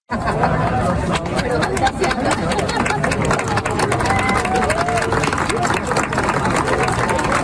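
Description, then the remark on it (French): A crowd of 300 to 400 people, including scouts of the Montreal Jamboree, gathered for the sunset, murmurs and chatters steadily, many voices blending into a dense, constant roar, with scattered clapping mixed into the din throughout. “les gens sont rassemblés, il y a foule et il y a des applaudissements”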